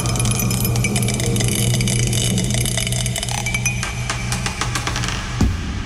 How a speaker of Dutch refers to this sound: Oh, hij is aan het tollen, dat dobbelsteentje. Hij tolt. En het is nummer 4 geworden.